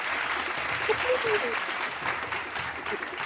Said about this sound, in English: where's my round of applause at?